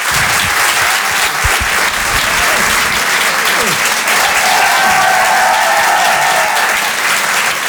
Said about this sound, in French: C'est très sincère, je vous demande de l'applaudir, de l'encourager lui aussi.